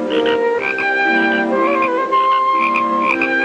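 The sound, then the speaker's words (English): A frog croaks loudly and up close in a steady series of rapid, buzzy calls with a tonal, warbling quality, repeating every half second or so with no voices present. “Here we show you a close-up of a frog croaking.”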